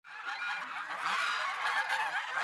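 A flock of geese honking continuously, many overlapping calls forming a dense, busy chorus that stays steady and fairly loud throughout, with no speech.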